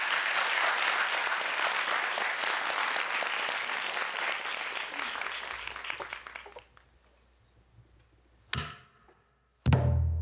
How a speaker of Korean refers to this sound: A와 I가 추워지는 판소리 뜨거운 박수와 함께 신명나게 문을 열어보겠습니다.